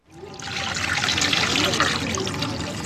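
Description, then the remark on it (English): Steady sloshing and trickling of water as a large cotton fabric is soaked and worked in a water-filled, 20-foot-deep, 500-year-old concrete dye pit under harsh sun in Kano, Nigeria, a continuous wet splashing texture lasting the whole moment without pauses. “Bala soaks a large cotton fabric into the water-filled, 500-year-old concrete hole”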